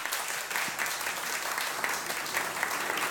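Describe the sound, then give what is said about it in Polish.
Steady audience applause at a Radio Łódź concert at Port Łódź fills the whole stretch, a dense wash of many hands clapping at moderate loudness with no individual beats standing out. “Brawa dla niego.”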